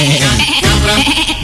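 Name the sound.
goat bleating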